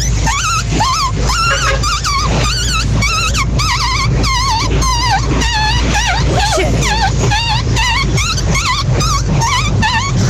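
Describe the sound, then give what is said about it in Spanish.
A person imitates a newborn puppy with a rapid series of high, wavering squeaks and whimpers, loud, continuing steadily for several seconds. “Mi talento oculto, perrito recién nacido.”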